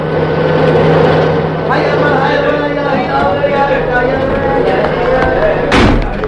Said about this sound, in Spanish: Los vehículos cargados de policías y soldados irrumpen velozmente en el barrio árabe.